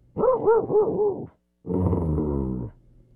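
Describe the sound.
A person imitates a dog: four quick, yappy barks in a row, a brief pause, then a longer, drawn-out whining growl. No speech accompanies it.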